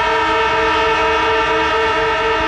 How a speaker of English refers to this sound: It's the AFL footy siren, and the moment you hear that